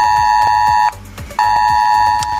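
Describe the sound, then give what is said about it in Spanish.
A loud, piercing electronic alarm tone blares in two long bursts, each close to a second, separated by a short gap, with a harsh, buzzing quality typical of a mobile phone emergency alert, sounding on phones in the Region of Murcia. “Así que felices estamos en Mediodía COPE de poder contar buenas noticias en un día en el que las alertas han vuelto a sonar en los teléfonos de la región de Murcia.”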